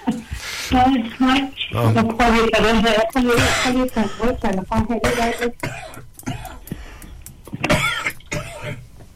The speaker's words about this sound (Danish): Ja, så kan man også lige få hostet af imens.